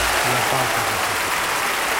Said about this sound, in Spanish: me enorgullecen enormemente de que estemos aplaudiendo una letra como esa. Así que muchas gracias a todos.